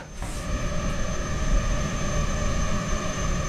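A swarm of dozens of female tiger mosquitoes, bred for research in a lab, buzzing inside a white mesh cube in a warm, humid room, reacting to CO2 in a lab technician's breath. A steady, continuous whine with layered high-pitched tones, holding at an even loudness throughout with no voices present.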